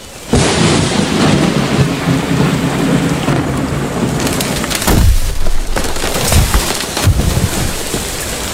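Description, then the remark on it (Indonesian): Heavy rain pours steadily and loudly in a forest throughout, a dense hiss of drops with deep rumbling thunder rolling underneath and a few sharper cracks near the middle. No voices. “Kok hujan?”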